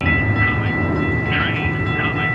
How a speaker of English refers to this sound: On this sidewalk in South Phoenix, you can hear all the sounds of the city. Cars are rushing by, and a new section of the light rail is not shy about its arrival.